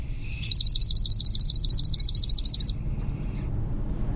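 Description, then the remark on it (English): A swamp sparrow sings a clear, steady trill of rapid, evenly repeated notes for about two seconds, then stops, leaving a low background rumble. “So here is the swamp sparrow.”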